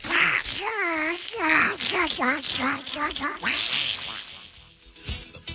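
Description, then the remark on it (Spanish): A child's voice imitates the cartoon duck Donald Duck, producing a rapid string of raspy, warbling quacks, followed by a brief breathy trailing sound. “Me mandan una voz del Pato Donald.”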